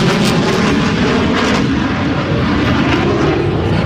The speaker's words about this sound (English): It's constant. Just reminds you, they're always out there. Looks like a Marine Corps F-18.